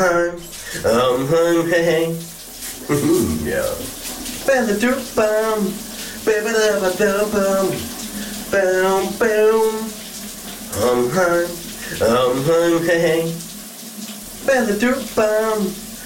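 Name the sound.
shower running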